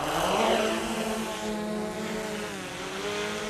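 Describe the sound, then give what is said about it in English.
A drone designed for search and rescue, used here instead of a sheep dog to move sheep, has rotors that whine and buzz steadily, a layered motor hum whose pitch rises, dips and swells again as it lifts off and flies, loud and continuous with no voices. “Clever thing about this drone, it was designed for work in search and rescue, so it's got a speaker on it just here which can transmit messages to stranded climbers and hikers”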